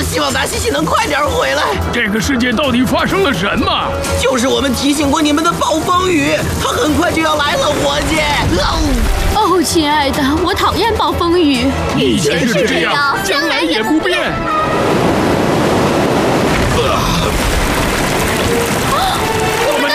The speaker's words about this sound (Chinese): 别说丧气话，伙计，看看他，海浪都无法摧毁。 那种程度的海浪也许可以抵挡，但更大的海浪要来了。